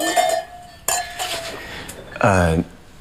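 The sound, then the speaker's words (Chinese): Two bright glass clinks ring out, each with a short shimmering decay, the second sharper than the first, followed by a brief voiced exclamation, as glasses are clinked in a toast celebrating a new home. “苦尽甘来啊。 干杯。 干杯。干 杯。”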